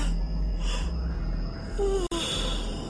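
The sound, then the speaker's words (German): A single drawn-out yawn from a woman rubbing her eyes, breathy at first and ending in a short falling voiced groan, performed by a person rather than occurring naturally. “Sie rieb sich die Augen und gähnte.”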